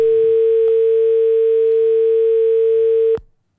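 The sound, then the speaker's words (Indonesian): A steady, unbroken telephone dial tone on a phone line hums loudly for about three seconds as a call is picked up, then cuts off abruptly with a click, leaving near silence. No one speaks. “Ustadz, izin kita angkat telepon dulu ya.”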